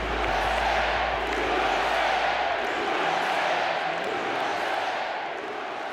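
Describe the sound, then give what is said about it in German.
A large crowd cheers in a continuous, dense roar that stays loud and steady throughout, with a blur of many overlapping voices and no single clear speaker. “Die einen jubeln, die anderen sind voll Angst und Zorn.”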